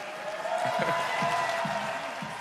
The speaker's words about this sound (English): So a cheer here for the home team, the Brooklyn Nets.